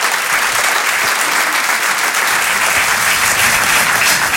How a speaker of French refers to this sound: On peut les encourager, les applaudir très très fort, s'il vous plaît.